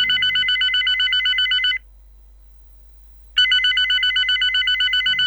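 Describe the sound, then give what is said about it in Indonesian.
A telephone rings with a fast warbling trill in two long bursts separated by a brief silence, clear, with no voices, as a caller phones someone again. “Gimana kalau aku telepon dia lagi aja ya?”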